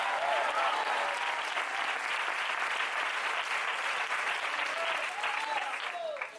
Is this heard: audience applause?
yes